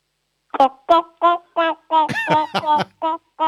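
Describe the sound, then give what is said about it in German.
A child's voice imitates a clucking chicken during a noise-imitation game, making about nine short, rhythmic clucks in quick succession, fairly loud, with a slightly more drawn-out squawk in the middle. “Ich hätte jetzt gern, dass du gackerst wie ein Huhn.”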